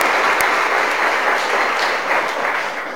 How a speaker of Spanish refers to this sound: Les damos un aplauso a quienes el 2025 nos han representado.